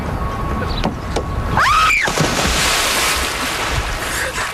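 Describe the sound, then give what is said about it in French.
A quick whooshing sweep leads into a loud, rushing burst of water, like a body plunging in, followed by a sustained churning wash that slowly settles. No voices are heard. “Faire une première émission, c'est un peu comme se jeter à l'eau. Et là, je vais vous faire une démonstration.”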